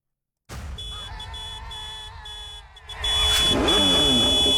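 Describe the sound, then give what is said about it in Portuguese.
A motorcycle engine roars, holding a steady drone before revving harder and rising in pitch as it sweeps past, loud throughout with no voices. It is the prize motorcycle of a Band FM radio giveaway. “Olha ela passando aí!”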